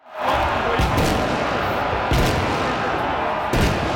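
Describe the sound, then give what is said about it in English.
Fireworks and firecrackers bang in sharp bursts, roughly three heavy blasts spaced a second or so apart, over a dense, continuous roar of crackling and crowd-like noise. “Montreal police are reminding people fireworks are illegal to use in public spaces without a permit.”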